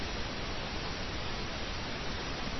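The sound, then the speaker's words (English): A steady, continuous wash of pink noise, made by tilting flat white noise to accentuate the low end, like a soft even rumble or hiss holding at constant level throughout with no voices. “If we accentuate the low end, for instance, we get pink noise.”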